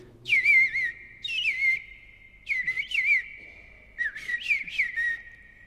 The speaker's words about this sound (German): Aber der Eastern Bluebird oder auf Deutsch Rotkehl-Hüttensänger klingt ja wie eine Mischung aus Amsel und Misteldrossel. Etwa so.